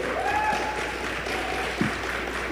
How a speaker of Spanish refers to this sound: Hola, hola amigos. Aplauso, aplauso, por favor. Bienvenidos.